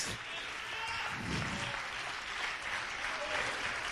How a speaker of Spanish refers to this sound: ¿Cuántos alaban a Dios? Denle ofrenda de palmas.